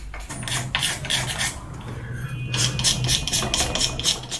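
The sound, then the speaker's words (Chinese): A carving tool, controlled with the middle finger instead of the index finger, scrapes across material in a run of quick, rasping strokes, steady and fairly loud, with a low constant hum underneath and no voices. “为此，钟锦德开始试着用中指替代食指来操控雕刻工具。”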